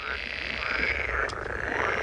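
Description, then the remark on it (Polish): A steady, continuous chorus of frogs croaking, a dense buzzing trill that holds at an even level throughout with no pauses and no voices. “Krasnoludki, czy to jest żaba?”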